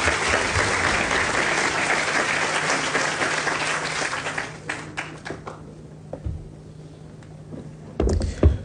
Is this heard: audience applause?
yes